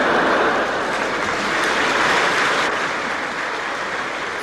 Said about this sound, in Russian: Позвольте ваши аплодисменты считать за пример.